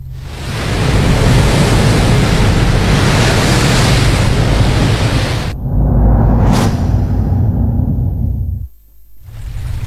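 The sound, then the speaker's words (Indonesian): Loud, continuous roar of ocean surf with a rushing wash of waves filling the scene, briefly thinning toward a deeper rumble before surging back near the end. No one speaks. “Sekarang aku perintahkan arus laut, carilah saudara-saudaraku yang sedang berlayar.”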